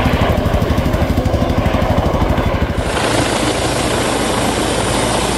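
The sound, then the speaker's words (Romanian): A loud helicopter, used in the search for a missing child, roars steadily, its rotor chopping in a fast rhythmic pulse for the first few seconds before blending into a continuous engine drone. “Se intervine cu un elicopter, cu drone și cu echipamente cu termoviziune.”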